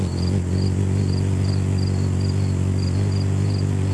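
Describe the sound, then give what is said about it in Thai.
A hummingbird's wings hum in rapid flight, beating at a very high frequency, a steady, low buzzing drone lasting throughout, with faint, high, evenly spaced chirps repeating over it. “เราจะได้ยินเสียงเหมือนแมลงวันมากกว่านกอ่ะคือเขาบินถี่มากทำให้เขาได้ชื่อนี้มาคือชื่อฮัมมิงเบิร์ดมาจากเสียงของการกระพือปีกแบบเหมือนเสียงฮัมเพลงอะไรแบบเนี้ย”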